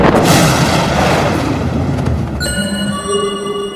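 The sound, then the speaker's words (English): A loud thunderclap follows a lightning flash, bursting out at once and rolling into a heavy, rumbling roar; partway through, steady high-pitched tones join in and ring over the fading rumble. “Lightning flashes and the jaguars vanish.”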